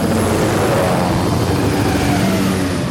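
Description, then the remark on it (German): A helicopter on an aerial search flies on, its engine and rotors roaring steadily and loudly, a dense, constant drone with a low throbbing hum, and no voices. “ich sitze hier im Hubschrauber! Mike schaut ziemlich verdutzt und auch etwas enttäuscht hinterher, als Wallaby 2 weiterfliegt.”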